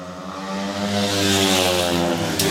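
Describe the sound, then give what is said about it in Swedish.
Speedway motorcycles race around the track in Gislaved, Sweden, on the third lap of a heat in the Småland derby between Dackarna and Lejon riders, with a loud, continuous engine drone, several high-revving motors blending into one rasping whine that swells slightly as they pass. “Andreas Liager, dansken, leder tätt bakom Pavel Sedpelski från Polen. Fortsatt 3-3-läge.”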